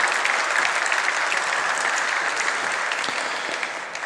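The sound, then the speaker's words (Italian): Sustained audience applause for Italy's Minister of Enterprises and Made in Italy, Adolfo Urso, as he is called to the stage for a round table: a dense steady wash of clapping hands at fairly even loudness that tapers slightly toward the end, with no voices. “Vi chiedo un applauso per favore, grazie.”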